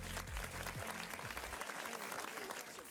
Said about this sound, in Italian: Facciamo un applauso